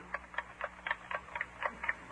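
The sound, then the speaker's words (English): A loud, noisy wristwatch ticks steadily, about four clicks per second, each tick sharp with a hollow, knocking quality over a faint low hum. “You can't tell whether it's the watch ticking or somebody knocking on the door.”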